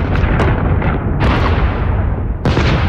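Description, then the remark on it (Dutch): A heavy bombardment of artillery explosions, a continuous loud rumbling roar with sharp blasts bursting through at irregular moments, including a strong one near the end. No voices. “Zo klinkt een bombardement.”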